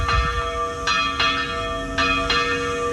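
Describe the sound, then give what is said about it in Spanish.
Church bells ring in Ochandio on the 90th anniversary of an air raid, in a steady series of resonant strikes, each one sustaining a rich, humming tone that overlaps the next, with no voices present. “Las campanas y sirenas volverán a sonar hoy en Ochandio, en el 90 aniversario del ataque aéreo en el que fallecieron 61 personas, en su mayoría mujeres y niños.”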